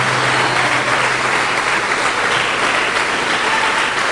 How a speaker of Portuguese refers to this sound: Isso, vamos aplaudir mais o Senhor Jesus por cada vida que está chegando.